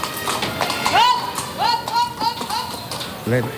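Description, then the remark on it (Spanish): Hooves of Aladín, a grey Luso-Arabian horse with green and white ribbons performing a pirouette in a circle, clip-clop in a steady rhythm, mixed with voices from a lively crowd and a brief rising whinny-like cry near the end. “Este caballo se llama Aladín, un caballo tordo, luso árabe y con lazos verdes y blancos.”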